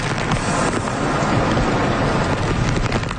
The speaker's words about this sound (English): Southwest Japan is being battered by a powerful storm.